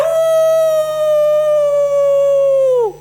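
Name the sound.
person imitating a howl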